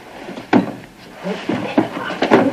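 The handle of a locked suite door is jiggled and rattled against the latch, giving a few sharp metallic clacks spaced irregularly with a brief pause before quicker rattling near the end.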